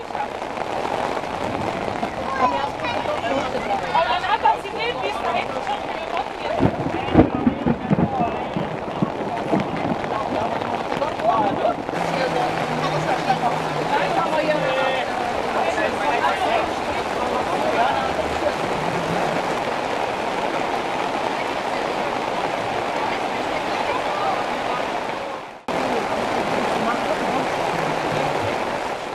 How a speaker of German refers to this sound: Doch sein Start musste verschoben werden, da sich zunächst ein kurzes, aber heftiges Gewitter über Biesenrode entlud.